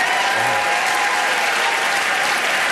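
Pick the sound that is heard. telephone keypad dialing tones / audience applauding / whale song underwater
audience applauding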